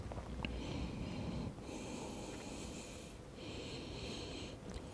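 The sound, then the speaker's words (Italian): Slow, deep breaths taken while relaxing the legs during a yoga stretch, with two long airy exhalations following one another, each lasting a second or more, over a steady low background rumble. No one speaks. “Rilasso le gambe e mi concedo qualche respirazione.”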